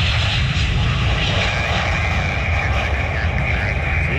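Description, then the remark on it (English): A cargo plane roars loudly and steadily as it comes in to land at Cincinnati Northern Kentucky International Airport, its tail striking and skidding on the runway and throwing sparks; a dense, continuous engine rumble with a high whine fills the whole few seconds. “A cargo plane attempted landing at Cincinnati Northern Kentucky International Airport on Sunday, an aircraft experiencing a tail skid”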